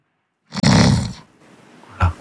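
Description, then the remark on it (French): A loud, rough snore rattles for about half a second, followed by a softer breathy exhale and a short low snort at the end, with no talking. “ça c'est le bruit qui m'énerve le plus. Quand quelqu'un ronfle à côté.”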